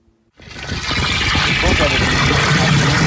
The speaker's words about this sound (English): He fills up 5 gallon buckets of water at the Village of Ambler's water treatment plant and hauls them home for his family of nine.